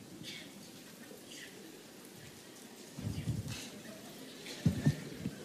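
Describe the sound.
A crowd claps one finger against another finger as hard as they can, a soft, scattered patter that mimics light rain, steady and diffuse throughout, with a few louder thumps near the end.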